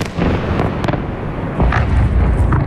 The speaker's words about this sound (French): De violentes explosions, des immeubles en feu, des voitures explosées et des secouristes qui retirent les corps des décombres. Ce sont les images qui nous parviennent des principales villes ukrainiennes.